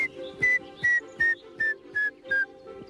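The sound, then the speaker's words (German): A grey-headed woodpecker call in the castle park of Bad Berleburg during a guided bird walk: a run of seven clear, whistled notes at an even pace, each slightly lower than the last, loud and on its own with no talking. “Ja, das könnte ein Grauspecht sein, 2,5 Jahre alt.”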